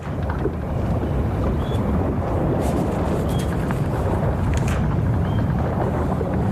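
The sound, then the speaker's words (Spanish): Steady wind buffets the microphone over the broad wash of open sea on the deck of a caravel, with faint creaks and brief high squeaks now and then; no voices. “Por eso hoy te mando la postal sonora desde la cubierta de una carabela.”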